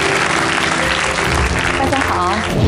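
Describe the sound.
Loud, steady audience applause fills the whole stretch, a dense wash of clapping with a brief tonal voice rising over it near the end.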